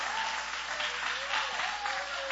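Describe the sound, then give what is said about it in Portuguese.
Steady applause from an audience fills the whole moment, a dense, continuous patter of many hands clapping at a fairly even level, with no one speaking over it. The applause is given at a Christian worship gathering in praise of the King of Kings. “Recebamos com mais palmas que louve ao Rei.”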